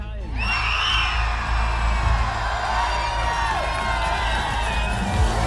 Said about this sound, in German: So, und es sind nicht die 9 mehr, die wir hier haben, die jubeln, sondern hunderte glückliche Menschen in Oetigheim auf dem Platz hier vor dem Rathaus. Unglaublich. Herzlichen Glückwunsch, Oetigheim!